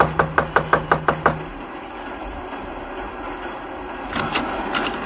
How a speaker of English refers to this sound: Just knock on the door.